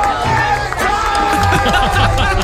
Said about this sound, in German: Was zu so einem richtigen Trend geworden ist, dass er, egal wo er auftritt, bei welchem Goretzka! Training er da rumläuft, schreien die Leute ihn an mit Goretzka!